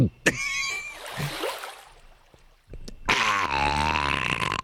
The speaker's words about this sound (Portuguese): E nesse momento ele coloca. Coloca a boca na garrafa d'água. Coloque você também. Coloque a boca. Você está ouvindo? Ele está... Ele tá... Tá bebendo.